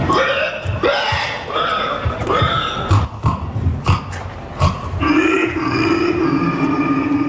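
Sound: person imitating a pig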